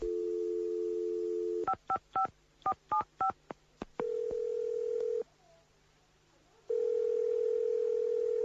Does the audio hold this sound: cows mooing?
no